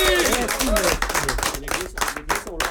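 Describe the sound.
An audience applauds the grand winner of the Big BYD Win, a dense, steady patter of many hands clapping, while a voice speaks over it at the start.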